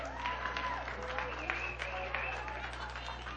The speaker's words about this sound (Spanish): fuerte el aplauso, chavos.